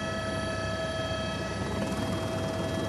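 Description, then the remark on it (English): A steady, loud mechanical drone with a dense low rumble and sustained whining tones of a helicopter flying over the disaster-struck Bhotikoshi-Trishuli River Valley, approaching to land at the Trishuli 3 tunnel rescue site, continuous throughout with no voices. “Without choppers, there is no way of getting here.”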